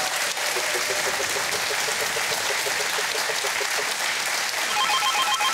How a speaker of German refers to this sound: So, dann klingelt's. Am Telefon ist Florian aus Eutin.